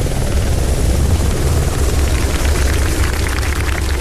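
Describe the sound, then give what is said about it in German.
A German government flight-readiness helicopter lands on the sports field in Rattenroda at 14:12, its rotor thumping in a steady low throb with a broad roar of engine and wind over the top, loud and constant throughout with no voices. “Um 14.12 Uhr landete der Hubschrauber der Flugbereitschaft auf dem Sportplatz vom FC Schwarte Rattenroda.”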